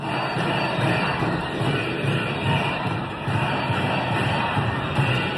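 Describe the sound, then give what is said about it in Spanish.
A large protest crowd of about 30,000 people in the streets of central Valencia chants "Consellera, dimisión" in unison, demanding the resignation of the education consellera; a dense steady roar of many voices with a rhythmic, repeating pulse, loud and continuous throughout. “Consellera, dimisión es lo que gritan.”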